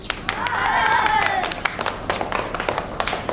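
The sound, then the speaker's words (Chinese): A group of students claps to welcome a visiting Fifth Army officer, in an irregular, lively patter for a few seconds, the sharp hand claps thinning toward the end, with a brief rising and falling vocal sound mixed in early on. “哎，同学们，这是国军第五军的洪中校，也是我们国家的抗日英雄，我们用掌声欢迎他。”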